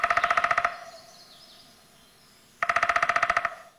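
Two short bursts of a downy woodpecker drumming, each a rapid, even roll of about a dozen sharp taps, separated by a quiet pause with faint background sound.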